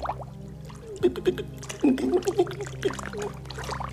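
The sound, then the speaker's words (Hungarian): Water splashing from someone treading water out of their depth, in a few short, irregular bursts, moderately loud, with quieter sloshing between them and a low steady hum in the background. “nem ér le a lábam. Kezd el lefni a víz.”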